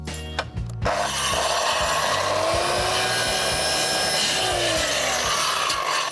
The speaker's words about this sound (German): Wenn du noch einmal so nah an die Säge greifst, während die noch läuft, ne, dann hau ich dir in die Fresse. Da sind sofort die Finger ab.